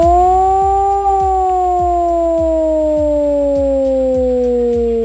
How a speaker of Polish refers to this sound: W całym kraju można dziś usłyszeć wycie syren alarmowych. To w ramach ćwiczeń Alarm 26. Do godziny 19 uruchamiane będą syreny, których sygnał brzmi właśnie w ten sposób.